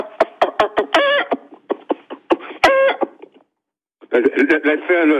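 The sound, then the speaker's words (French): A man imitates a clucking hen with his voice, a rapid run of short, choppy clucks and squawks that pauses briefly, then resumes, sounding thin and band-limited as if over a phone line. “La poule, faites-moi la poule.”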